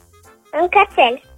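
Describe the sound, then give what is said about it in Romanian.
A person imitates a dog barking with three quick, loud 'woof' sounds in a row, each a short voiced burst, followed by quiet, as part of an animal-sound guessing game. “Deci un cățel, n-am ghicit.”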